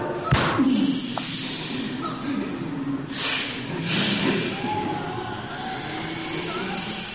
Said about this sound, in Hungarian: Eltűntek. A lövés elintézte őket. Csak valami kis vadállatok voltak. Az anyja istenit, elárultad magad a lövéssel.